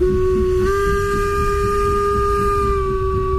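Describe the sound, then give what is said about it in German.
The whistle of a steam train on the Furka mountain railway in Switzerland blows one long, steady tone, sounding loud, over a rumbling bed of hissing steam and engine noise. “Mit der Dampfbahn über die Furka-Bergstrecke.”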